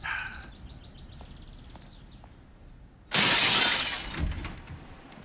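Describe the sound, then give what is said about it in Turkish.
A sudden loud crash of window glass being smashed to break into a locked house from the back, with bright shards scattering and tinkling for a couple of seconds after a quiet stretch with faint chirps. “Camı kırıp girme en az 10 ila 15 yıldır.”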